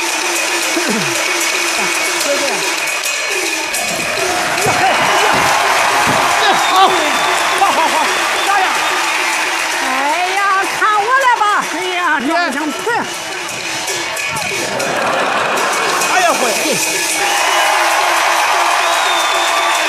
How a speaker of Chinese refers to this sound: 耶，来，鼓掌！ 好，好，好。